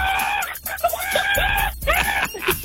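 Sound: person imitating a chicken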